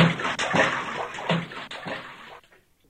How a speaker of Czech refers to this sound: Slyšeli hlučné žblunknutí a pleskot a viděli, jak se Franta jako kapr válí ve vodě.